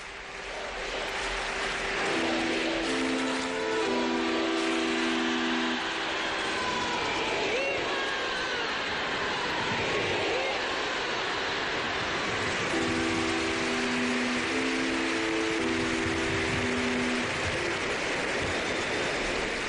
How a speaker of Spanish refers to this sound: Ahora ya sí se dispone el Santo Padre a darnos la bendición después de esos vítores y ese largo aplauso, que ya estos aplausos son la seña de identidad en estas celebraciones de la visita apostólica a España.